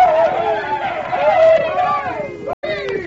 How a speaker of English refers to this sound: But suddenly, when the horses came into sight, a great cry of rage went up from the Indians.